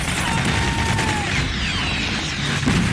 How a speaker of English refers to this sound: It's pretty realistic. It's almost claustrophobic. You're these narrow streets, they're barricades, gunfire and smoke. They're shooting RPGs.